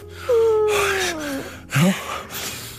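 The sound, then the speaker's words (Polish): A sharp, dramatic intake of breath, a loud voiced gasp sliding downward in pitch, followed by a second shorter gasp and breathy exhale, alone without speech. “W ogóle z tym oddechem. Ja miałem taki dreszcz.”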